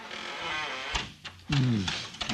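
A door, pried open at the jamb beside the lock, creaks open on squeaky hinges: a loud, drawn-out, wavering groan that bends in pitch, with a couple of soft knocks and a steady hiss before it.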